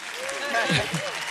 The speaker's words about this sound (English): Yeah, you can clap for that.